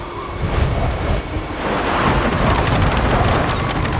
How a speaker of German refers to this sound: Was ist los? Ein Sturm kommt auf. In Deckung.